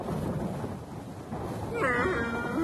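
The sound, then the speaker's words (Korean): A steady, rolling rumble of thunder from an approaching storm fills the scene, low and fairly loud, with a brief wavering tonal cry rising over it near the end. “이런, 폭풍이 오나 보네.”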